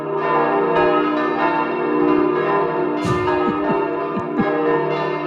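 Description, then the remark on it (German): Church bells peal continuously, dense overlapping strikes ringing out loud, with rich sustained overtones filling the air and no voices present. “Im Moment gar nicht, aber so, wenn sie läuten, wie lange läuten sie dann? Bis alle munter sind.”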